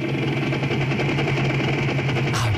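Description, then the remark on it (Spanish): A helicopter is started up, its engine running with a steady, dense mechanical drone and a low humming tone underneath, then shifting pitch briefly near the end as it revs. “he arrancado ya el helicóptero”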